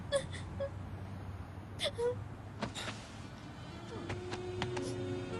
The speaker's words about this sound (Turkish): Artık ağlama.